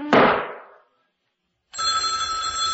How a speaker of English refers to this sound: I always let the phone ring more than once. This puts the caller on the defensive by making it appear you have more important matters at hand.